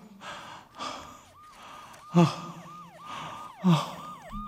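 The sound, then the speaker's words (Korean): Labored, gasping breaths of a person who cannot breathe properly repeat in a strained rhythm, two of them sharp and louder, with a steady high warbling tone running underneath; no speech. “숨이 잘 쉬어지지 않는다.”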